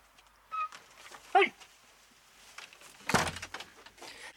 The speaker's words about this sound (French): Attends, ce chien m'emmerde.